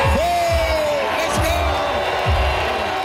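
A loud crowd boos and cheers in a steady, dense roar as Ontario Premier Doug Ford steps on stage at Ford Fest, a PC party community barbecue, where striking union workers protest, with a rising whoop near the start and heavy rhythmic thuds roughly every second underneath.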